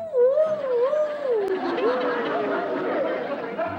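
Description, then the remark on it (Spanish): A voice imitates a coyote howl: a long, wavering, sliding wail that rises and falls, with a noisy background of chatter and other voices behind it. “El niño llegó hasta el panteón, hasta las puertas del panteón, y escuchó que los coyotes decían... ¡Au!”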